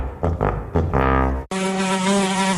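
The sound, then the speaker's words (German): A fly buzzes loudly, its drone wavering in short bursts before settling into a steady, sustained whine with no one talking. “Eine Fliege in deinem Seat ist wie ein Kratzer, Steinschlag, eine Delle oder ein Hagelschaden auf deinem Seat.”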